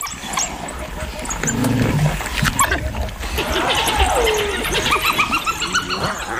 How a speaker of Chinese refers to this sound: 非洲野犬的奔跑速度可超过每小时60公里，因此在同伴找到食物发出召唤声后，他们能迅速响应并聚集起来。非洲野犬闹出这么大的动静，除了他们的同伴之外，免不了会引得其他捕食者前来查看。